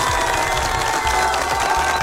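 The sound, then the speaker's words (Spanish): A crowd applauds and cheers loudly and steadily throughout, with a dense wash of clapping and a few raised voices shouting in the mix. “Fuerte aplauso para ti, por favor.”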